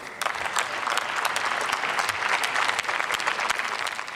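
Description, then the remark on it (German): Sustained applause in the German Bundestag from the Bündnis 90/Die Grünen parliamentary group for their co-chair Katharina Dröge after her speech, dense irregular clapping that stays loud and steady for the whole stretch, with no voices standing out above it. “Sie erhält viel Beifall aus den Reihen ihrer Fraktionskollegen.”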